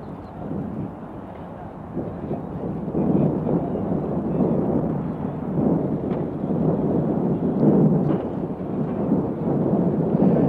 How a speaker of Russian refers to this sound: Вот сейчас автомашина, на крыльях которой государственные флаги Советского Союза и Югославии, въезжает на площадку Ленинградского аэропорта. Вы слышите, как собравшиеся горячо приветствуют выходящих из машины Никиту Сергеевича Хрущева